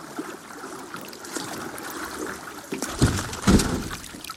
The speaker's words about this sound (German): Ups! Ja, da passiert der Untergang tatsächlich. Das Unvorhergesehene trifft ein, das Bild wird schwarz, das Boot ist umgekippt mit dem Anthropologen und dem filmenden … darin, mitten in der Konversation.